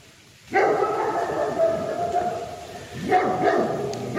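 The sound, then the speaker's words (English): Several dogs bark and howl together in the distance in Bentley Woods on a rainy November day: a sustained chorus of wavering howls with bursts of barking rising again near the end, echoing faintly outdoors in the woods. “I think if you listened carefully, you can hear that sound of some mad dogs in the distance.”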